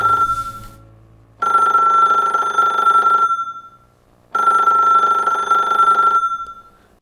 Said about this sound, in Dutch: Oh, telefoon.